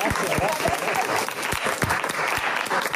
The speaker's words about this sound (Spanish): Bueno, pero yo creo que el aplauso mejor es para los oyentes, que son los que nos han soportado semana tras semana.